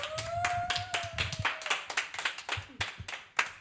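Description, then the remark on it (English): An audience applauds a performed piece in quick, uneven bursts of sharp, crisp claps that hold steady for a few seconds, while a thin sustained tone hovers underneath at first and then drops away. “Okay, wow, could we get another applause, please?”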